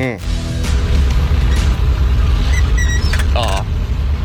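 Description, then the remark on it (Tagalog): Heavy ten-wheeler trucks rumble past in road traffic on a circumference road, a loud, steady low engine drone with occasional high rattling clinks and faint muffled voices in the background. “Mga tracking ni sa dagko ang mga tin-wheeler truck. No, dira sa circumference road.”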